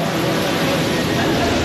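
A rescue drone deployed to see ahead into a flooded tunnel choked with mud and debris at Upper Trishuli 1: a steady, loud whirring buzz of small propellers fills the whole moment, continuous, with a dense airy hiss and no breaks or changes in pitch.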